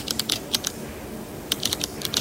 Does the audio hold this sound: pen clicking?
yes